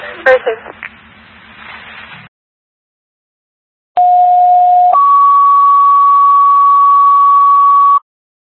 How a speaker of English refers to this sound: Second alarm fire to 173 School Street for a fire. Again, fire alarm is striking. Second alarm fire, 173 School Street.